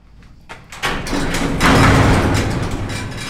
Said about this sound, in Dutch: Grote metalen hek.